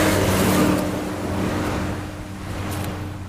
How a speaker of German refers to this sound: Er steigt aus und tritt an die Absperrung einer mit rotem Staub überzogenen Brücke. Autos und schwere Lastwagen donnern vorbei.